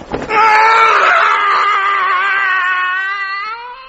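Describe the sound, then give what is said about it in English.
A man, the character Arthur Dent, lets out his regular early morning yell of horror on waking up and remembering where he is, a single long, loud yell sustained for several seconds with a slightly rising pitch before trailing off, with no other sounds around it. “The regular early morning yell of horror.”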